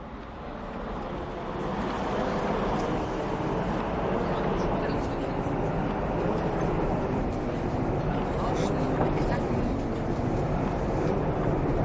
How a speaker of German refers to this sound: Ne, die Straßenbahn, die rauscht da ganz vor sich hin so.